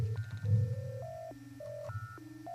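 A series of steady electronic telephone tones steps up and down in pitch, each held briefly like dialing or line signals, over a low rumbling bed near the start of a song.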